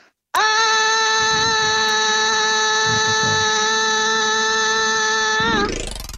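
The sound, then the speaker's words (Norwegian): One long, loud scream up a stairwell leading to the second floor, made to hear its echo, held at a steady high pitch for about five seconds before sliding upward as it cuts off. No talking over it. “Bare høre ekko i trappa der også, da, hvis du kan bare ta og skrike en gang opp der.”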